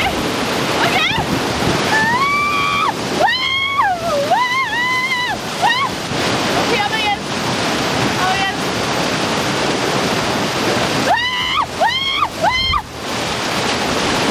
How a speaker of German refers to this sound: Da muss man sich, das ist ja so eine künstlich erstellte Welle